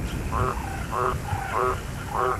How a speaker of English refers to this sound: Or the happy croak of a green tree frog in a summer storm.